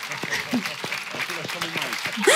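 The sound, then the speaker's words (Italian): An audience applauds the accompanying musicians at a concert: a dense, steady wash of clapping that holds at an even loudness throughout, with scattered voices and shouts mixed in beneath it. “applauso per favore a questi maestri incredibili che mi accompagnano anche su base.”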